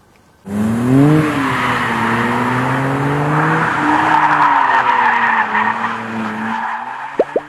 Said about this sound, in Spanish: Pues esta fue la prueba de manejo desde Tail of the Dragon con el Dodge Charger, el cual ya se encuentra en nuestro país. Nosotros tuvimos oportunidad de manejarlo antes que nadie, justamente en esta emblemática cola de dragón.